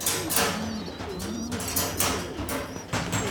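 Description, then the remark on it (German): Pigeons coo in low, throaty warbles, several birds overlapping, with soft rustling and brief airy bursts that sound like shuffling or wing movement. “Bist du mich oder die Tauben?”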